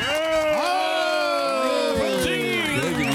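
A TV show audience cheers and shouts loudly and continuously for a contestant, many overlapping voices rising and falling in pitch, with what may be applause running underneath throughout.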